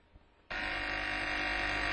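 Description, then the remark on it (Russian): After a brief quiet moment, a telephone starts ringing loudly, a harsh, steady electric bell that keeps going without a break until the end. “Телефон.”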